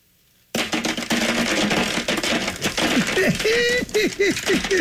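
A dense, rapid clatter of about 50 pens, some of them chewed, dropping onto a tray, continuous sharp plastic clicks and rattles piling up for several seconds, loud, with faint voices in the background.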